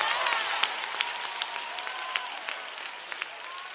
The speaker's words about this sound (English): clap your hands if you know it.